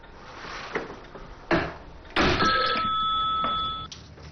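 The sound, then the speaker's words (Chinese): A telephone in a meeting room rings once, a loud, steady electronic trill lasting about a second and a half, preceded by a couple of dull clunks and handling noises. “我在会议室，有什么事情或电话来这儿找我，谢谢。”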